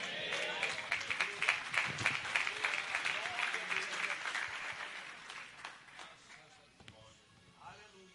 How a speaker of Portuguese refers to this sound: Mais alegres as palmas, igreja.